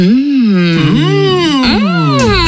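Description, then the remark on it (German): Two voices moan together with long, drawn-out sliding tones, overlapping and rising and falling in pitch as if in pleasure. They are loud and wordless throughout. “Keine Angst, diese beiden üben gerade genießen.”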